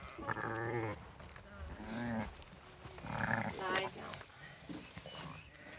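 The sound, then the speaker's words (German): Several wavering, quavering bleats of an irritable young sheep, fairly loud, coming in short bursts with brief pauses between them against a faint outdoor background. “Das junge Schaf ist reizbar.”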